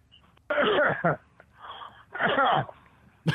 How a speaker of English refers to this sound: Caller, are you going to sexually breathe at me? Sexual breathing? Oh, my God. Cut out this caller. Yeah, brother, I really want to hear what you have to say, but it's weird. Like, it's like you're moving the phone away